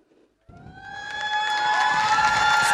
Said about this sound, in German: Applaus für Papst Leo XIV., der jetzt seinen Platz einnimmt.